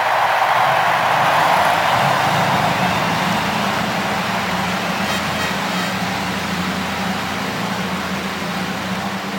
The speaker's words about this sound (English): Oh, that glorious sound. No better moment in all of sports as the 33 cars roar to life on the main straightaway.